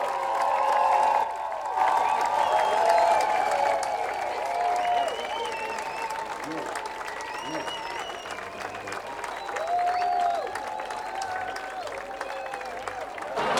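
A concert crowd at Bern on Air applauds and cheers steadily for a band, dense clapping forming a continuous roar with high whoops and shouts rising over it, loudest at the start and easing slightly before swelling again.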